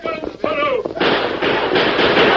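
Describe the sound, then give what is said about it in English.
A Lone Ranger radio-drama shootout: a brief shouted voice, then a loud, dense burst of gunfire that keeps up without pause as rapid, overlapping shots to the end. “Jose, Billings, Pike, bring your guns.”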